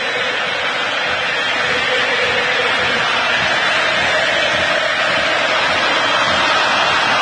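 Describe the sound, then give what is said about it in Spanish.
A huge stadium crowd of Argentine football fans roars and cheers without pause during an Argentina–Algeria match, a dense, steady wall of noise filling the whole stretch with no voice speaking over it. “Hay salida. Escuchen el público argentino.”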